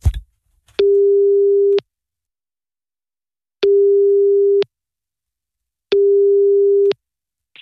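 A telephone ringback tone heard while radio presenters place a call: three steady one-second beeps at a single low pitch, separated by even pauses of about two seconds, clear with no talking.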